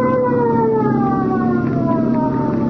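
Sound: police boat siren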